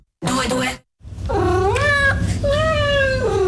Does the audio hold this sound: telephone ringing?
no